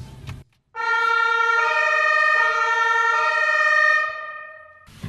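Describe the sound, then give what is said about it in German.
A loud emergency vehicle siren blares in a steady, harmonically rich wail for about three seconds, heard from the passenger seat inside the vehicle as its blue lights flash, then fades slightly as it winds down, with no talking over it. “Es blinkt blau. Jetzt wird's spannend. Alarm, Alarm.”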